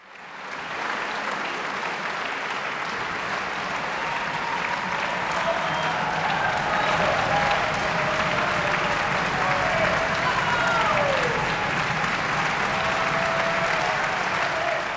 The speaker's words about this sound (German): So viel Fußgetrappel und Jubel habe ich selten in einem klassischen Konzert gehört.